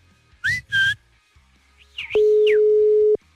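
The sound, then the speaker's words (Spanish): Two short whistled calls and a rising, falling whistle, then a single loud, steady low-pitched beep lasting about a second: a phone call that goes unanswered and the line is hung up. “La morra no me contesta, arajo, mano, de veras. ¡Me colgó, güey!”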